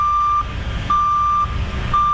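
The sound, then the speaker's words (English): A truck's reversing alarm beeps steadily in a slow, even on-off rhythm, each tone held for about half a second, over a low rumbling engine. “Yeah, this is usually one, like a truck backing up.”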